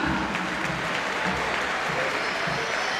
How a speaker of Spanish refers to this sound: Marcos Acuña. Otra salida de aplauso, ¿no? Sí, se ganó los aplausos.